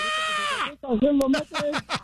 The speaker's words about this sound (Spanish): ese grito rockero que se avienta.